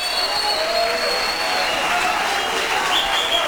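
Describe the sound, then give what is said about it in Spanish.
A church audience claps steadily in applause for God's divine love, a dense, even wash of applause that holds at a constant loudness, with faint high tones drifting through it and no voices standing out. “Un fuerte aplauso a ese amor divino, a ese amor glorioso, a ese amor majestuoso.”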